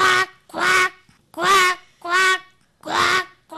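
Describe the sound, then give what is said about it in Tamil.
A school student doing mimicry vocally imitates a duck, producing five loud, nasal quacks in a steady rhythm, each about half a second long with short pauses between them. “இது பேர் வாத்து.”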